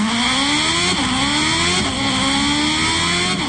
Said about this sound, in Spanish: vámonos a la motocicleta del Heraldo. El reporte desde la moto.